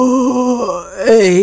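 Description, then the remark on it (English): A voice imitates a giant's big, drawn-out yawn: a loud, groaning tone that dips in the middle and then swells again before trailing off, with no words. “Then he yawned.”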